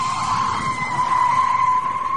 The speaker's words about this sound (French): On va faire écouter un bruit, à vous de deviner, le pneu, ainsi que les jantes qui vont avec. Petit grincement de pneu d'une voiture, écoutez bien.